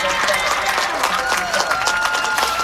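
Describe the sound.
A large stadium crowd at a football game cheers in a steady, loud roar after a penalty flag is thrown, with scattered clapping and raised voices blending into a dense wall of noise throughout.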